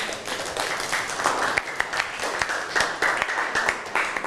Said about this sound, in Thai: ส่งเสริมวัฒนธรรมค่ะ ส่งเสริมวัฒนธรรมเอาปรบมือให้เพื่อนหน่อย